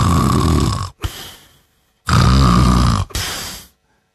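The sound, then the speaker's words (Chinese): A man's voice imitates an old man snoring as he sleeps under a big tree by the roadside: two long, rasping inhaled snores, each followed by a short puffing exhale, loud with a pause between them. “在这儿打鼾扑呢”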